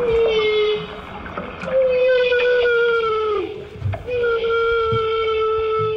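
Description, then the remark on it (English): Humpback whales in Alaska give long, loud, sustained trumpeting feeding calls while coordinating a bubble net to catch herring, steady moaning tones repeated three times with brief pauses, over a low watery rumble. “These humpback whales are creating a bubble net to catch herring.”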